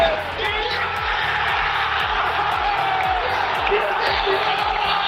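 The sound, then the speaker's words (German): A Schalke stadium crowd roars loudly and continuously for several seconds at the final whistle on a Saturday late evening, a dense wash of cheering voices with a low rhythmic pulsing underneath and no pauses. “Komm, noch einmal Gänsehaut, noch einmal der Moment des Abpfiffs am Samstag, spätabends.”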